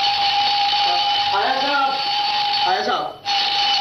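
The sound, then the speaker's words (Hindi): An alarm clock rings loudly and continuously, a harsh unbroken jangle that cuts out for a split second near the end before carrying on, with a man's voice briefly speaking over it, in the radio play Bahadur Ki Shaadi on Hawa Mahal. “अबे good morning के लगते अलार्म बंद कर, ये आज अलार्म क्यों लगाया है?”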